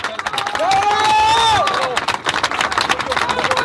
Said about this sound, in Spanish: Así que aquí nuestro compañero le queremos hacer nuestro último homenaje y un aplauso para Alejandro.